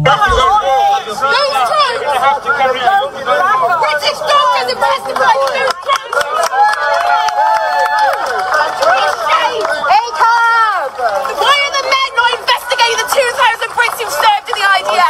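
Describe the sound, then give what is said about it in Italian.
A loud, dense protest crowd outside the Royal Courts of Justice in London, supporters of the Palestine Action group, with many overlapping voices shouting and calling out continuously and high, strained voices rising above the din, including a girl screaming; dozens were arrested by police. “Decine di persone, inclusa la ragazza che avete sentito urlare qualche secondo fa, sono state arrestate dalla polizia oggi fuori dalla Royal Courts of Justice a Londra.”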